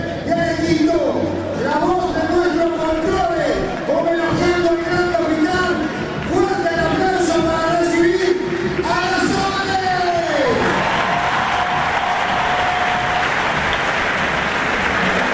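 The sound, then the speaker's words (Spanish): A stadium crowd at a night event in Santa Fe, Argentina roars and applauds loudly and continuously while a booming announcer's voice introduces a singer over the noise for about ten seconds, then the cheering and clapping swell into a dense wash. “el estadio se vino abajo para escucharla cantar”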